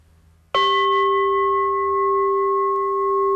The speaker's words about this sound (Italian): Gli occhi possono essere chiusi o abbassati, e segno l'inizio della meditazione con 3 colpi di campana e la fine della meditazione con 1 colpo di campana.